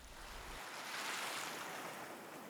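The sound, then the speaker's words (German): The rushing of the sea as heard in a seashell: ocean surf rushes in a steady, hissing wash that swells to a peak midway and then eases slightly, with no voices present. “In den Muscheln ist das Rauschen des Meeres zu hören.”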